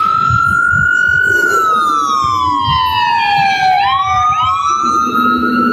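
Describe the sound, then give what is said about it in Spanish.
A fire engine siren wails steadily and loudly, its pitch sliding down then jumping back up as it passes, over a low rumble of engine and traffic. “Oye, aquí cada rato pasan los bomberos emberracados, pues ahí van.”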